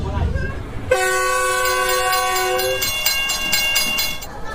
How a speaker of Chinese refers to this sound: 同样服务于沿线村民与农产品销售的，还有穿行在山区的7272次公益慢火车，19年来平均时速仅40公里。与城市里的惠农公交专线不同，它连接着湘、黔、渝两省一市。